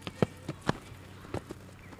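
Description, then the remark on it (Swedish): Galloping footsteps of a person riding a hobby horse named Choklad: a handful of quick, thudding footfalls in an uneven gallop rhythm, moderately loud, with no talking. “Ja, du hör ju här vilka riktiga galoppsteg det är.”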